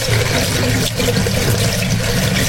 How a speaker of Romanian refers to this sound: N-ați vrea să dați puțin drumul la robinet? Cu plăcere. Când aud apa, mă liniștesc.